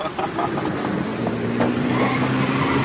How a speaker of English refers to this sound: Sometimes our cars get so crazy, they even do the little stunts.